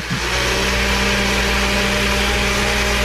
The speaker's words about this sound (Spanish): Bueno, entonces yo decía, bueno, sí está en la casa porque está prendiendo la licuadora.